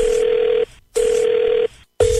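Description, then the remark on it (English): A phone line ringing tone heard through the receiver as a prank call is placed to a woman, the caller posing as Google Earth: loud, steady electronic buzzing bursts about two-thirds of a second long, separated by short silences, repeating three times with no voices. “So this lady thinks it's Google Earth, and her husband is winding her up with this phone call.”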